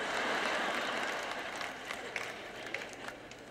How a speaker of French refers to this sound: J'écoute qui applaudit à quel point c'est fort